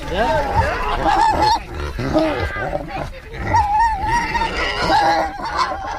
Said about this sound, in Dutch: Ja, de varkentjes hebben natuurlijk door dat de eenden en de ganzen worden gevoerd. Die willen ook wat. En zo gaat dat hier dag in dag uit in het stadspark op de kinderboerderij.